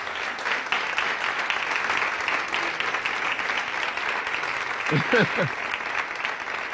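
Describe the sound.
A crowd applauds steadily for several seconds, a dense wash of clapping hands, with a brief voice rising over the applause near the end.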